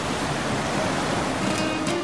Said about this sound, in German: Ich hoffe, ich erzeuge damit bunte Bilder im Kopf, wenn ich euch erzähle, dass ich auf einem schönen Boot sitze, in das blaue Meer schaue, im Hintergrund das Rauschen des Meeres zu hören ist.